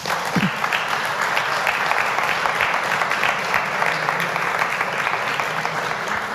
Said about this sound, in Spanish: Muchas gracias, jóvenes, y nuevamente el aplauso para todos ellos.